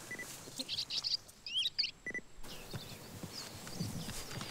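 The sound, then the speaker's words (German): Bearded reedling contact calls played from a small loudspeaker to lure the birds: several short, high, metallic pings in quick clusters, fairly faint, over a steady low rumble with no talking. “Dies hier ist ein Kontaktruf.”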